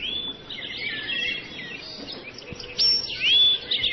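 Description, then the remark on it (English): Continuous high chirping and whistled calls of night birds fill the scene outdoors in Harbor Country a few minutes after 9 o'clock while it is still light, with overlapping tweets and a few louder trills standing out against a soft, steady background hum. “You can hear the night birds.”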